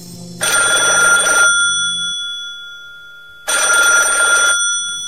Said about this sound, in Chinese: 刘司令家的电话响了。